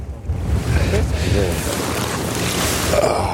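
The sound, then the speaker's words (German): Fishermen haul their fishing nets onto a boat, bringing up only tiny fish such as roach and a small perch, with a steady wash of splashing water, wind and a low engine rumble filling the scene without pause. “Wir holen die Netze rein und ich bin echt gespannt.”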